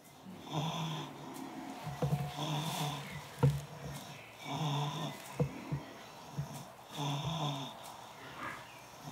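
snoring

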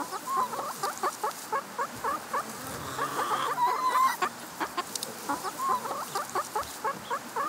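chicken clucking

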